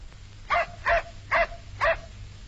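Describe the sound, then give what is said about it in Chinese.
A dog barks four times in a steady, evenly spaced rhythm, each bark short and fairly loud against a low background hum, with no voices present. “赵康对那天狗叫的事儿一直不放心”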